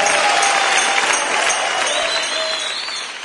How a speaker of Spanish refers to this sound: Dale el aplauso fuerte, fuerte.